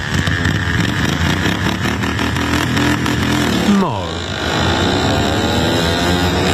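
Ride-on lawnmowers, modified to reach about 60 km/h, race on a dirt track at the All-Australian Lawnmower Racing Championships in Yamba, central Queensland, engines roaring and buzzing continuously, one machine sweeping past midway, its revving pitch sliding downward before the drone returns.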